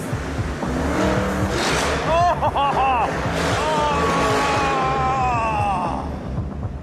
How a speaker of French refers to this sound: Voiture numéro 2. Numéro 2, avance. Voiture numéro 2. Accélérez. Ça, c'est un V8.